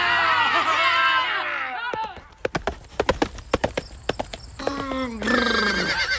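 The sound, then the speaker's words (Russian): A horse neighs in a long, harmonic whinny, then sharp hoofbeats clatter in a quick galloping rhythm, ending with another high, wavering neigh over a steady high-pitched tone. “Прискакал.”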